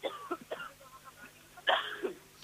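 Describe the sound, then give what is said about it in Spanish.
A short fit of coughing, several quick, harsh bursts spread over a couple of seconds with one louder cough near the end, without talk. “Bueno, le ha dado un golpito, sí, de tos”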